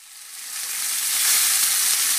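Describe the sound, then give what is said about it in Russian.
Meat sizzling on a grill in an advertisement for the Grillfest at Evroopt. A dense crackling hiss swells from moderate to loud and holds steady, with no voices. “Слышите? Это «Грильфест» в «Евроопт».”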